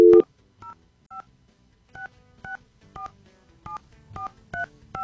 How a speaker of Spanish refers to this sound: Vamos a ver si nos responde. Estamos marcando rápido. ¿Sí se fijó cómo marqué? Híjole, pues yo creo que marqué mal.